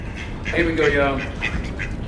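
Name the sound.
ducks quacking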